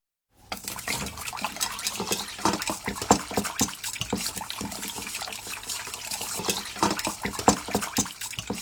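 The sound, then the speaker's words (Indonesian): Dashi broth is poured steadily into a bowl to make a seasoning with soy sauce and sugar, a continuous splashing trickle with small bright gurgles and spatters running for several seconds. No one speaks. “Tambahkan 1/3 sendok makan kecap asin dan 1/2 sendok teh gula ke dalam 1 gelas kaldu dashi atau ikan cakalang.”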